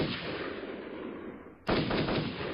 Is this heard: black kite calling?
no